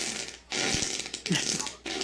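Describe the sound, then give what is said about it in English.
Loud, raspy fart noises come in a few sputtering bursts separated by brief pauses, each with a rough, buzzy texture and a low rumbling tone underneath. No one speaks. “That's you getting farted on.”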